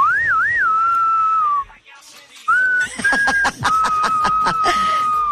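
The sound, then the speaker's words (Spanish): A person whistles a wavering, tuneful note that rises and dips, pauses briefly, then holds a long steady whistle while rapid chuckling or snickering laughter bursts over it. “Pensé que me ibas a chiflar.”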